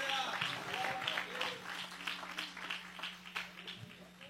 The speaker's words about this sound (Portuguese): Pode sentar, você que pode aplaudir a Jesus, ele é digno de honra, glória e louvor.